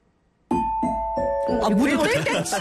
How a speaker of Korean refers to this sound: 땡인 줄 알았잖아요. 어머, 딩동댕을 제가 잘 못하는 것 같아요. 이건 딩동댕이 아니라 안내방송이잖아요.